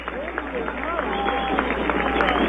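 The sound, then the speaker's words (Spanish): A stadium crowd at a Deportivo Cuenca football match applauds Lucas Mancinelli as he leaves the pitch, substituted seven minutes from the end, in a steady, dense wash of clapping and cheering that holds for a couple of seconds, with faint voices mixed in. “Ahí está el aplauso para Lucas, escuchen.”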